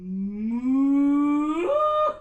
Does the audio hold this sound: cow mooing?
yes